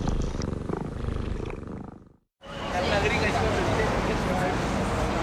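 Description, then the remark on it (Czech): A cat purrs loudly, a steady rumbling drone with a rhythmic pulse, broken by a brief moment of silence partway through before the purring resumes; the cat is listening to Radio Proglas. “Tato kočka poslouchá Proglas.”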